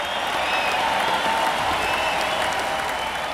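A large crowd inside The Summit arena in Houston in the mid-1980s applauds and cheers a band in a steady, dense roar of clapping, with faint whistles and shouts woven through it, sustained and loud from start to finish.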